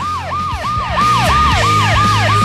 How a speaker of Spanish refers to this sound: Pero si quieres te pongo una ambulancia.